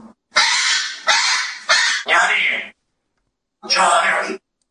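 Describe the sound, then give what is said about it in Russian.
A talking parrot, Grigory, lets out a run of four loud, harsh, raspy squawks back to back, pauses briefly, then gives one more grating call. “Еще попугай Григорий Ксюша один.”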